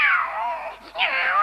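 A cat lets out a long, drawn-out meow that dips briefly then rises again into a wavering yowl, loud, with no talking over it.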